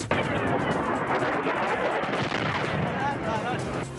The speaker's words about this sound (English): Another round of strikes and explosions in Iran, a new escalation in the standoff over the Strait of Hormuz.